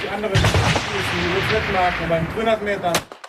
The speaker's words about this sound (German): Der erste Schuss sitzt noch nicht.